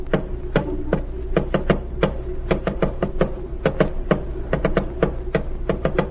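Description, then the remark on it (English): Sharp taps rattle off in quick, uneven bursts of short and spaced strikes, like a message being tapped out in code, over a steady low hum with no voices. “Tap it out.”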